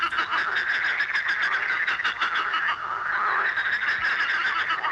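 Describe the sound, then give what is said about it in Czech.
A dense chorus of frogs croaking continuously, many overlapping rapid calls forming a steady, loud pulsing drone with no voices present. “3, 2, 1, žáby.”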